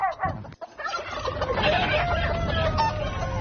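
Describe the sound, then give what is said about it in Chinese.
Pheasants squabbling, with a loud, steady stream of harsh, overlapping gobbling and clucking calls and a brief scuffling break near the start. No one speaks. “山鸡的天性之一就是爱打斗，以此来确定自己在群体中的权力和地位。”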